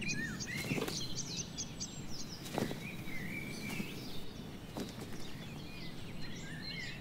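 A great tit in a garden, collecting padding material for its nest, gives thin, high chirps and short song phrases, scattered through a steady rustling background with a few soft tapping knocks; no one speaks.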